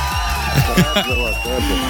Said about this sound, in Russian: Эти аплодисменты для тебя. Это была победа еще раз.